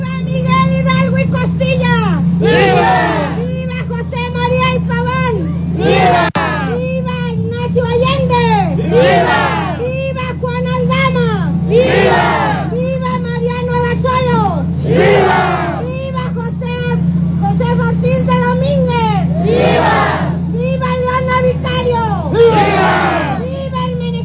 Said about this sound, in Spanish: Al llegar a la plaza central Eulalia Guzmán, las arengas y las vivas nombrando a los héroes de la independencia continuaron mientras el contingente llegó a este sitio para volver a escuchar los vítores en el centro del lugar.